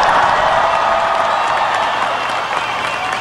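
A crowd applauds steadily, dense clapping filling the space at a loud, even level for a few seconds with no one speaking over it.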